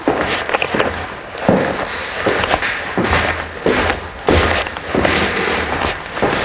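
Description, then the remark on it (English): Footsteps on the wide oak stairs of Wagner's house in Switzerland: a steady series of hollow wooden thuds and creaks, roughly one every half second or so, fairly loud, with no voices. “You're listening to footsteps on the wide oak stairs where the musicians assembled at Wagner's house in Switzerland.”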